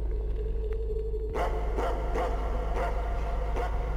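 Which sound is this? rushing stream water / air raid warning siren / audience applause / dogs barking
dogs barking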